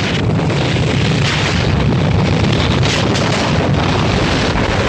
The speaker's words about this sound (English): Avalanche knocks down the guards, burying them and their guns in heavy snow.